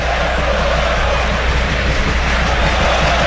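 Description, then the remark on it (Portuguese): A crowd of São Paulo football fans at the São Paulo stadium, Morumbi, roars in a steady, dense wash of noise, loud and unbroken for a few seconds, with no distinct chants or individual voices standing out. “Sinta o clima do estádio do São Paulo. Ouça a torcida do São Paulo.”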